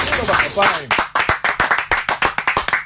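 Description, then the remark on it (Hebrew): Several people clap their hands in a burst of applause, sharp overlapping claps settling into a quick, uneven rhythm after a brief moment of talk and laughter at the start. “נו, לא, מחיאות כפיים לשפיטה.”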